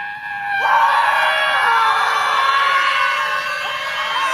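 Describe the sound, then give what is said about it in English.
A crowd of protesters at a scream protest screams together in one loud, sustained, high-pitched wail that holds steady for several seconds, many voices blending into a single continuous shriek with no speech. “It was a, yes, Scream protest. They just stood around and screamed.”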